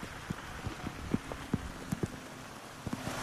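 Heavy rain pours again with renewed intensity in extreme conditions, a steady, dense hiss with irregular louder drops tapping on a hard surface. Nobody speaks.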